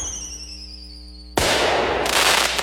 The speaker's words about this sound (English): before the sky lights up with a spectacular fireworks finale.